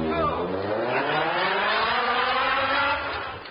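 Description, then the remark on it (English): A car engine revs loudly with a rising, whining pitch, then the roar fades slightly toward the end as the vehicle seems to pull away. “Car, Ned, and a sailor's farewell.”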